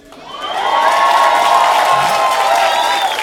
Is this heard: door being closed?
no